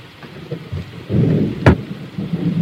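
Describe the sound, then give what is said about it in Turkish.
Heavy rain pours steadily with a dense, hissing wash, joined by low rumbling thunder and a sharp crack of it near the middle; no one speaks. “Amma yağmur yağıyor ha.”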